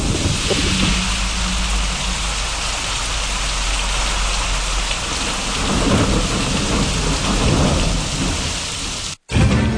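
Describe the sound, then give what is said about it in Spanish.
Steady heavy rain hisses across the whole recording while deep thunder rumbles low underneath, swelling and rolling; the storm sounds loud, then cuts off abruptly near the end. No one speaks. “Y aquí, en la ciudad de La Vega, incrementos nubosos con aguaceros, con tormentas eléctricas y ráfagas de viento en la tarde. Anoche, muchos truenos”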